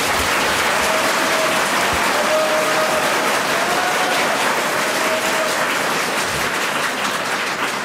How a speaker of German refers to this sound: Zweiter Applaus für den Präsidenten und kleinen Steuerzahler Qualtinger.